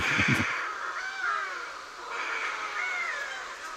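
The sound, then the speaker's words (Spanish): Harsh, raspy shearwater calls cry out repeatedly, loud, with wavering wailing tones rising and falling over a continuous noisy background of many birds calling together. “Yo no sé si es música o es una cháchara, pero en el sonido de estas aves están las historias del mar.”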